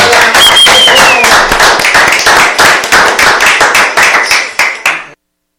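Loud studio applause welcoming guests in the booth: a crowd's dense, crisp clapping with a brief high whistle near the start, thinning into fewer sharp claps before stopping abruptly.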